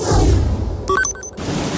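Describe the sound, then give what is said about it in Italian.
Steady hiss of rain on a cold day with a deep rumble of thunder rolling at the start, briefly interrupted by a short burst of bright tonal sounds before the rain continues alone. “Piove, fa freddo e il cancello è di nuovo bloccato.”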